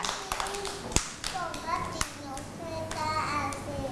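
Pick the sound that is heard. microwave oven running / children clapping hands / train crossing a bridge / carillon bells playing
children clapping hands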